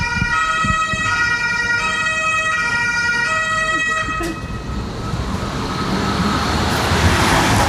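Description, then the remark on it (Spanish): A car passes by on a road, its rushing tyre and engine noise swelling loudly in the second half, after a steady, high, horn-like tone rings out over road noise. No one speaks. “Und dann, ich warte mal ganz kurz das Auto ab.”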